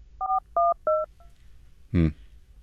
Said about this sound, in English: Oh, wait a second. The phone's ringing, sorry.